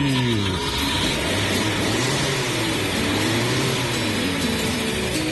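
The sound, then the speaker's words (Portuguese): A Chevette car engine runs loudly, revving so its pitch climbs and dips over several seconds, with no voices. “Liga aí esse motor turbinado.”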